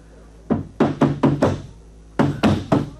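Police knocking on a wooden door: a quick series of five firm raps, a short pause, then three more, loud, with no voices.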